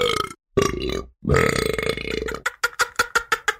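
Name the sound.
burp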